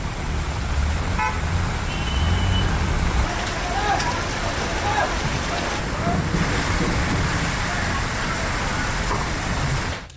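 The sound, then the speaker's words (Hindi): A car drives through deep floodwater on a city road flooded by continuous torrential rain, its engine rumbling under a steady rush of churning, splashing water and waves that continues throughout, with a brief horn toot early on. “अब ये देखिए गाड़ी निकल रही है तो उसके बाद आप लहरें देखिए और ज्यादातर रास्तों का ऐसा ही हाल है क्योंकि बारिश लगातार हो रही है और बारिश लगातार होने से सड़कें सागर में तब्दील हो गई।”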